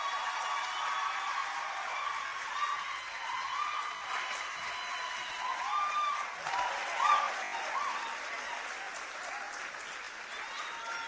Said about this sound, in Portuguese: Aplausos bem merecidos.